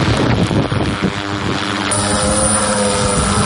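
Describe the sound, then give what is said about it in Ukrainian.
A heavy bomber drone carrying a bag of provisions on a logistics mission for infantry in the Pokrovsk direction, Ukraine, spins up its propellers for takeoff: a loud, steady buzzing whine with layered tonal hum and rushing wind over the rotors, continuous throughout with no talking. “Такі бомбери з посилками тепер невід'ємна частина фронту, адже інакше доставити усе необхідне нашій піхоті неможливо.”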